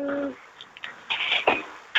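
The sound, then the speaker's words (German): Birds chirp outdoors in a garden, a few short, bright high-pitched calls scattered over a soft background, fairly faint, with no one talking. “Ich höre die Vögel Ja. zwitschern.”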